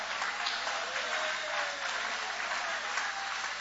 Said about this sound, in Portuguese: Podem tomar o vosso assento, guarda a sua Bíblia com carinho e podem aplaudir, podem louvar, podem exaltar.